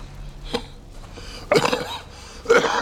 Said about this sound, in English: He coughs into a handkerchief.